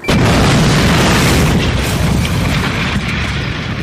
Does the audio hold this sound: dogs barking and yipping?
no